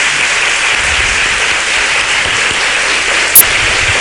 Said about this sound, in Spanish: Bueno, pues ahora sí, muchísimas gracias Sevilla por llenar este salón del Alcázar. De esta maravillosa ciudad. Les voy a pedir un aplauso muy grande para todos, para hacerse notar que están ahí.